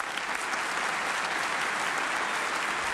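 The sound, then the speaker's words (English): Sustained audience applause at a jazz concert for the band after a number, a dense, steady wash of many hands clapping at an even loudness for the whole stretch, with no voices standing out. “While giving out applause, let's not forget the fellows that just got through wailing.”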